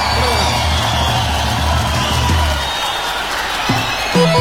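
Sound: applause and cheering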